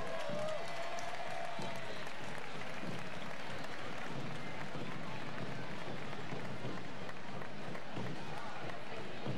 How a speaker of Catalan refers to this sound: Un fort aplaudiment pel Ball de Diables del Prat.